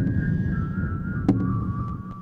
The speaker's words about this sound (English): That's why whistling is nice. Yeah, whistling is always really useful.